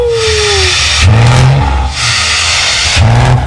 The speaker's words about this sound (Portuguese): E você, que tá naquela carretona, naquele caminhãozão, naquele poçante, naquela Scania, como é que é o barulho? Au!